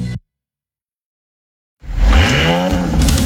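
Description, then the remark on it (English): After a brief burst and a moment of silence, an Audi car engine roars to life loudly, revving with rising harmonic whine and sustained throaty power. “The Audi roar.”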